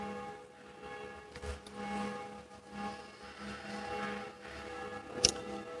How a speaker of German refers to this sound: Die Glocken der Kirche verweisen uns auf das Abendgebet. Die intensivste Form des Gebetes ist wohl die Heilige Messe, und die kleine Glocke ist die Gedenkglocke für die Verstorbenen.